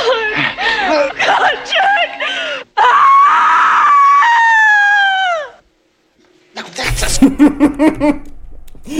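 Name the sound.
scream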